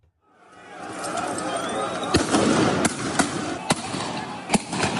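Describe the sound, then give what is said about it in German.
Several sharp firecracker bangs go off at irregular intervals during football fan violence in the city of Lucerne, Switzerland, loud cracks punching through a dense, roaring crowd noise that fills the whole clip. “Vermummte Männer, die sich mitten in der Stadt Luzern prügeln und mit Petarden, Flaschen und Steinen bewerfen, bis kurz vor Mitternacht die Polizei eingreift mit Wasserwerfer und Gummischrot.”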